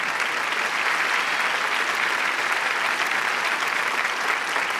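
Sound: audience applause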